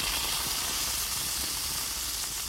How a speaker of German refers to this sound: Gehört einfach zum Sommer dazu, ne? Das Steak zischt auf dem Rost, der Grillduft liegt in der Luft. Also ich bekomme da sofort Hunger.